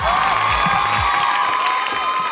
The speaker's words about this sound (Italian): Mi merito un applauso virtuale. Schiacciato un tasto del tecnico. L'ho schiacciato. Di più. Alza, di più.